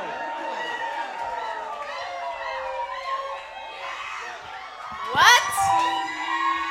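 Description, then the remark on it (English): A large concert crowd screams and cheers continuously for an encore after a 2.5-hour show in 2011, a dense wash of high-pitched shrieks and yells, with a louder burst of whoops rising near the end. “You might have to let them go to the bathroom real quick or something, but then keep screaming, though.”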